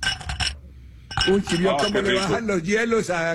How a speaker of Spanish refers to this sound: Si vio cómo le bajan los hielos a... Así, van como si fuera pinball pegando por todos lados.